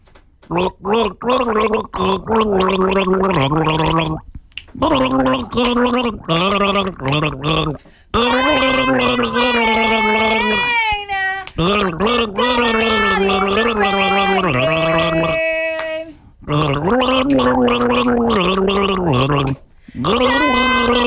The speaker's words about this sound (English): We're going to do a gargle.